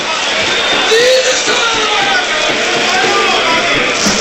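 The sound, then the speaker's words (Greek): Dense, steady crowd noise from the stands at a football match between AEK and Panathinaikos, a wash of many voices shouting together at a constant loud level, with a few higher whoops rising briefly above the roar. “Φωνές από την κερκίδα.”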